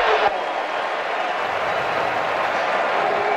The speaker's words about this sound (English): And flags. False start, Iowa State. It's loud, and the crowd had something to say about that 5-yard penalty.